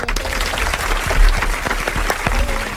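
An audience claps steadily for a guest on a radio show for a few seconds, a dense, fairly loud patter of many hands with no break and no voices over it.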